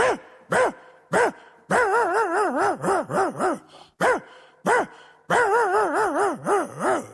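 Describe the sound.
A person imitates a small dog barking with a rapid string of high, yappy yips, some single and some in quick bursts, loud with no other talk.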